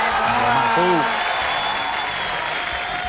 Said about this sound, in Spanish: Fuerte el aplauso.